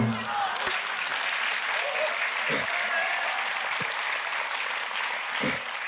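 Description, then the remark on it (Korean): An audience applauds steadily for the full six seconds, a dense, even wash of clapping with no pauses. A few low thumps and faint voices come through underneath. “박수를 자주 치면 건강에도 좋다고 합니다.”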